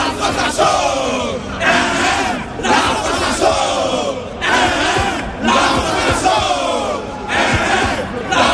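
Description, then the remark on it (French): A loud crowd of football supporters in the stands of the Charletti stadium, at a friendly match of Ivory Coast's Elephants against France, cheers and chants in steady, rhythmic surges that swell roughly every second, the roar never dropping away between bursts. “Dans les tribunes du stade Charletti, personne n'a pronostiqué autre chose qu'une victoire des éléphants pour ce match amical contre la France.”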